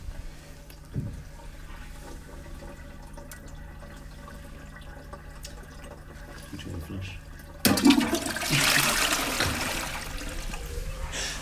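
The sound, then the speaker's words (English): A toilet flushes after several seconds of quiet room tone, as wine is flushed down it, bursting into a loud, hissing rush of water that keeps churning steadily until the end. “you're going to manifest this, I think, by flushing it.”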